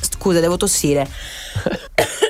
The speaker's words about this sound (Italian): Scusa, devo tossire.